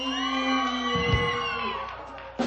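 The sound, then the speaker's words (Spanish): A large audience, split into a team, shouts and cheers together in a sustained, loud roar of mixed voices, swelling briefly then tapering off, with a fresh burst of yelling at the very end. “Se ve que gritaron por compromiso de este lado, ¿eh?”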